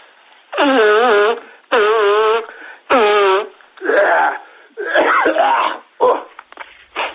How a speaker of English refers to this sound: I've got like a little cold business, right? Yeah, you know? I've got, it's going around at the moment. It's always going around. Hold on a minute, man. Just let me blow my nose, eh?